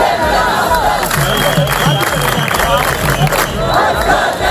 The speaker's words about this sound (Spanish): En España, miles de mallorquines toman las calles de Palma en una protesta masiva contra la masificación de turistas.